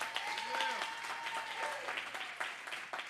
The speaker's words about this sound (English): Yeah, church is for people. Clap one more time so the people can hear you.